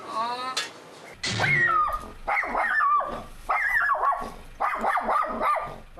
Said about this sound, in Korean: 일하는 사이 밖에서 불안에 떠는 가루. 보호자를 향한 가루의 집착은 정말 끝이 없습니다. 아이고. 이거 짓고 있는 거예요? 네. 보호자는 찾는 거예요, 지금? 그런 것 같아요. 저렇게 짖으면은 옆에 있는 로이도 스트레스 받을 것 같아서.